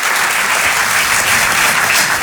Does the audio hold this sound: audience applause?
yes